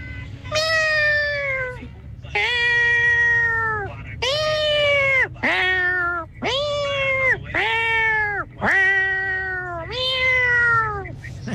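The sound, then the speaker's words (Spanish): A person convincingly imitates a cat, letting out about seven drawn-out, wavering meows one after another, loud, with steady low background noise underneath, performed as a hidden talent by a radio listener. “Yo pensé que era un gato de verdad”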